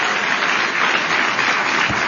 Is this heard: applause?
yes